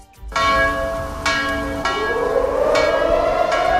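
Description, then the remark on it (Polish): The Monter memorial bell at the Warsaw Rising Museum in Warsaw, Poland, tolls loud at 17:00, struck about five times at a steady, roughly one-second pace, each strike overlapping the long, shimmering ring of the last. “O 17:00 tradycyjnie zabrzmiał dzwon monter.”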